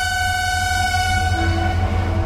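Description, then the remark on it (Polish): A train rolls through a station with a heavy, steady low rumble and sustained high-pitched whining tones over it, continuous and fairly loud for a couple of seconds, with no voices. “No i przejechał. I dojechał do nas kolejny tydzień zabawy brzmienia lata z pociągiem.”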